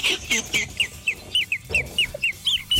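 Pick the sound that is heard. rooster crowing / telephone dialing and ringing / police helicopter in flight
rooster crowing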